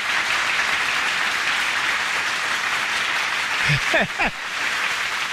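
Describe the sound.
An audience applauds steadily, dense clapping filling the whole stretch at an even, loud level, with a brief voice or cheer rising over it near the end.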